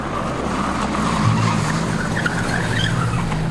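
A car engine roars loudly and steadily while tires screech and skid as the car tears away at speed, carrying Léon Blum and Jeanne Blum, taken by the SS, hurriedly leaving Buchenwald camp on 3 April 1945. No one speaks.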